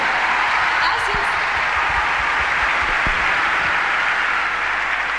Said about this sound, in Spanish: Señoras y señores, mi querida amiga Patti Cantú, fuerte el aplauso.